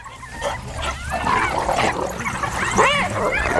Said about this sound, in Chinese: 斑猎狗一旦找到容易得手的食物，就会发出叫声召唤同伴，听到召唤的斑猎狗则会立刻向目标地集结。